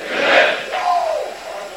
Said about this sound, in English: We hear the crowd. They're loud, and the rock is ready to roll.